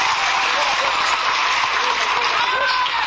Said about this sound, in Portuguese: Glória a Jesus. Palmas para o nosso Jesus.